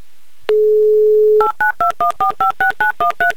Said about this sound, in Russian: Да, звоним скорее в Петрозаводск.